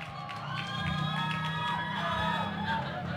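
A crowd at a stand-up comedy show at RRI Bandung claps and cheers steadily for about three seconds, a dense, even wash of hands with shouts and whistles rising over it at a fairly strong level.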